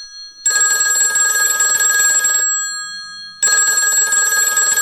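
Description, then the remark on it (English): A telephone rings loudly, two long trilling rings separated by a short pause of near silence, with no voices, as a call comes in for the Who's Calling game on Fun Kids. “it's time for a game of Who's Calling, where every day we have a creature from the wild, and they give us a ring. They phone into the show.”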